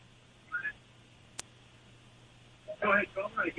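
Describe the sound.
A radio plays faintly and tinny over a phone line from a caller who is away from the phone, with brief muffled snatches, a single sharp click, then a louder stretch of radio voice near the end.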